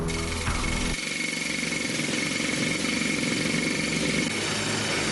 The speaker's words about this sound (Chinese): 在靠近隧道掘进岩面方向的位置，地质检测人员正在硬岩掘进机两侧的岩壁上钻孔。钻孔完成之后，他 们往里面装入了一种神秘的仪器装置